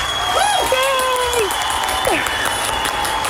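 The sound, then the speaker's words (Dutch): A steady burst of applause from a crowd, dense clapping throughout, with rising and falling whoops and cheers riding over it. No talking is heard. “En dat verdient wat mij betreft een applaus.”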